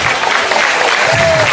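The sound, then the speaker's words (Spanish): An audience applauds steadily, a dense, continuous patter of many hands clapping at a loud, even level, with a brief whistle-like tone rising out near the end. “Denle fuertes y aplausos, sepa el Señor, hermano.”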